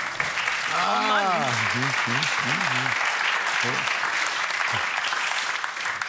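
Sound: audience applause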